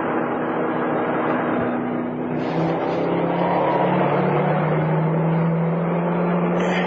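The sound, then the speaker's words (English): A car engine hums steadily, its tone shifting partway through as the car turns left while driving into the outskirts of Bellingham, with continuous road noise and no voices. “Hey, there's a police car on Swinner's Corner. Swing left here.”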